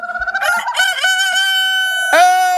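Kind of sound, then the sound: bird, rooster crowing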